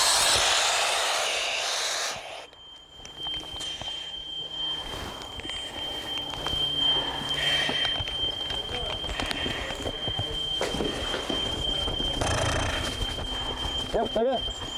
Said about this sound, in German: Der Hochdrucklüfter ist ein großer, sehr starker Ventilator und bläst den Brandrauch aus der Wohnung.